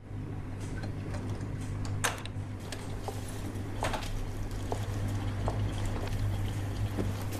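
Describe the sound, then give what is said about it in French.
A dishwasher running at 10 in the morning: a steady low motor hum under continuous sloshing, spraying water, broken by occasional sharp clicks and clunks. No voices. “T'as lancé un lave-vaisselle à 10h du matin?”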